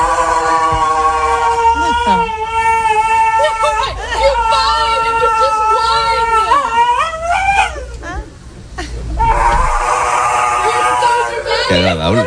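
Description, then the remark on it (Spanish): A large mastiff whimpers and whines at the groomer's while having its nails trimmed, in long, high, wavering cries that rise and bend in pitch, nearly continuous, with a brief lull before resuming, while people murmur underneath. “Lo malo no es que se ponga agresivo con la peluquera, sino que antes de coger ella las tijeras, ya se está haciendo el Martín.”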